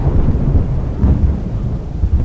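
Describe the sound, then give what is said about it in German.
A deep, heavy rumble of thunder rolls continuously close by, loud and dense in the low end, with a faint hiss of rain beneath it and no voices. “Ein sattes Grollen in unmittelbarer Nähe war zu vernehmen.”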